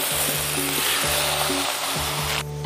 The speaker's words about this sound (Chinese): 用柴锅炼肉是焖罐肉好吃的关键。做出来的猪肉带有一丝柴火的烟气，风味独特。大锅烧热，直接倒入切好的肉片。